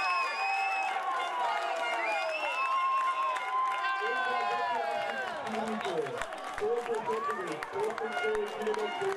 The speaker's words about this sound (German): Die Fans von Schurtewitz explodieren förmlich vor Freude.